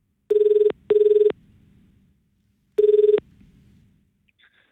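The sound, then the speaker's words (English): A phone line rings out as radio station TRFM calls a contest winner for Macca's Drive Through for Cash, with a steady, buzzy tone in a double-pulse pattern, two short bursts, a pause, then another burst, with no one speaking. “now it's time to call another winner for Macca's Drive Through for Cash. Let's give Kathy a bell.”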